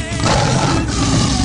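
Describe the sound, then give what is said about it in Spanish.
A loud lion roar fills the moment, a deep rumbling growl with gritty low-end texture, sustained at steady volume with a voice-like quality mixed in. “Con el rudo de leones.”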